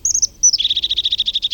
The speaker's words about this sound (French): Il a le ventre jaune. C'est une mésange.